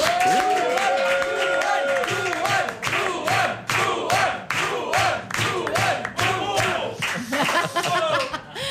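A crowd applauds loudly with dense, steady clapping, mixed with whoops and cheering shouts throughout, sustained for several seconds.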